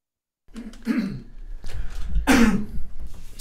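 A person coughs, two or three harsh bursts spaced apart, with a throaty, clearing quality, loud against a quiet background.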